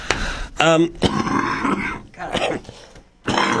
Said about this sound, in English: Sorry, I got a cough today. It's killing me here. My allergies are kicking in, as usual.